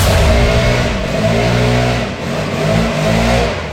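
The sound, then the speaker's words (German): A very loud leaf blower engine roars steadily outside a front door in Germany, its droning, buzzy pitch rising and dipping as it revs, with no voices over it. “Hier wird das Haus gestemmt und jetzt auch noch der lauteste Laubbläser Deutschlands vor meiner Haustür.”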